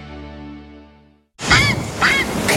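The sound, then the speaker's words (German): A steady musical tone fades to silence, then a grey heron lets out loud, harsh, raspy squawks, two rough bursts, with no one speaking. “der allwissende Fischreiher der Reederei Röding.”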